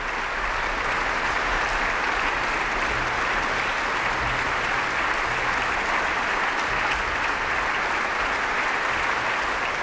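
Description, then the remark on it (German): Long applause from a large audience for all participants at the end of an Ouverture Spirituelle concert at the Salzburg Festival. The concert closed with Heinrich Ignaz Franz Biber's Rosary Sonata 11. The clapping is a dense, even wash that stays loud and steady for the whole ten seconds, with no voices standing out. “Am Schluss gab es dann langen Applaus für alle Beteiligten dieses Konzerts der Ouverture Spirituelle der Salzburger Festspiele.”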